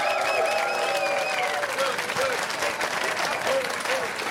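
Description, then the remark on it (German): Sustained audience applause for the writer Kirsten Fuchs fills the whole stretch, a dense, even wash of many hands clapping at steady loudness, with faint voices and cheers mixed into the crowd noise. “Applaus für Kirsten Fuchs.”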